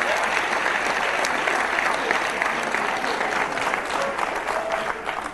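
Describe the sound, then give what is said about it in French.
Steady, dense audience applause fills the whole stretch, a broad crackling wash of many hands clapping at an even level, with faint crowd murmur mixed in before it tapers slightly at the end. “Ouais, on peut applaudir, c'est mieux ça.”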